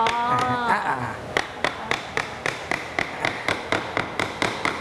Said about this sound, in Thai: ไม่ตัวนี้ไม่ต้องลบครับตัวกลางเราก็ระวังนิดนึงเพราะว่าบ่าไม้มันบางใช้ค้อนทุบด้านบนเลยครับ